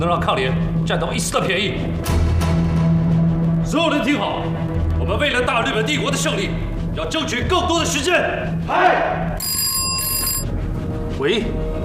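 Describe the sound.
A telephone bell rings in the middle of the night in a short, sharp burst near the end, cutting through a busy bed of voices and background sound.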